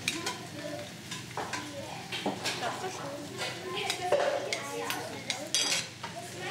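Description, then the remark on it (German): A spoon clinks and scrapes against a metal cooking pot as a little food is scooped out for tasting, with soft stirring and light sizzling underneath, fairly quiet. “Man nimmt sich mit einem Löffel ein bisschen was raus, gibt auch seinen eigenen Löffel.”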